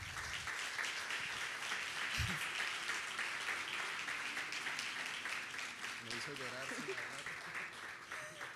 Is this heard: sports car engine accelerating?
no